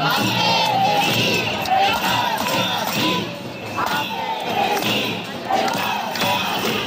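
A large crowd of protesting teachers chants and shouts slogans together in the centre of Alicante, Spain, including "Ampe Cesif encara estem així". A loud, dense roar of many voices swells rhythmically, with occasional thuds mixed into the continuous noise.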